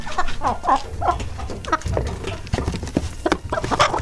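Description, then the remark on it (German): A hen, one of three, clucks repeatedly in short, choppy bursts, fairly loud, with a low rumbling background throughout. “Klingt wie so ein Huhn.”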